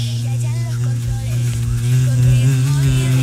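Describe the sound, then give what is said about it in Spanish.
A low, steady buzzing drones on without a break, fairly loud, its pitch wavering slightly like a heavy bumblebee hovering; it sounds more like a bumblebee than a honeybee. “Y eso parece más un abejorro que una abeja.”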